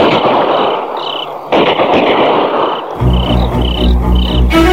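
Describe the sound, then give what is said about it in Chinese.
A dense, crackling barrage of gunfire outside a window, with sharp louder bursts, heard over chirping crickets at night, as two sentries below are shot dead and several people storm Building No. 7, followed by a low rumbling drone and another sudden blast near the end. “突然窗外枪声大作，钱之江猛地跳下床，一个箭步冲到了窗口。”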